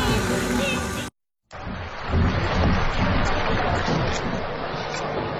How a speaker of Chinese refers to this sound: 哎，谢谢大伙儿的掌声鼓励， 谢谢朋友们。